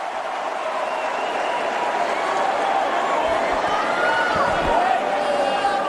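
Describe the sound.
A large crowd at a tennis match in New York cheers and applauds to encourage Tiafoe, who trails 0-30 on his serve, in a steady, dense roar that fills the whole stretch, with voices blended into the noise and a few dull thuds near the end.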